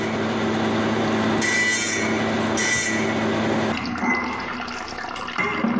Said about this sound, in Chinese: 飞转的齿轮沿着绘制好的线条，将预料不需要的部分一一去掉。尼玛在一旁仔细观察着预料形状的变化，不时提醒刺人扎西注意切割的角度和力度。刺人扎西熟练地操作着机器，每一次切割都小心翼翼，生怕破坏了整体造型。